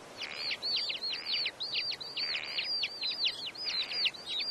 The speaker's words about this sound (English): It is summer, and the Mongolian lark, a native bird of the Dornod grassland, surveys its surroundings.